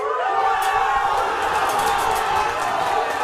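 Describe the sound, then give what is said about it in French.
A large stadium crowd in Casablanca roars in sustained, loud cheering after a goal in the 21st minute, a dense wall of voices with shouts and whistles rising above it, steady throughout with no pause. “Et puis, c'est l'explosion à la 21e minute.”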